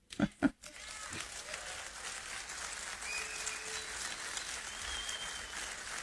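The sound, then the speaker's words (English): An audience breaks into applause: dense, steady clapping that fills the whole clip after a couple of sharp opening claps, with a faint voice or two murmuring underneath. “Is that really an applause line?”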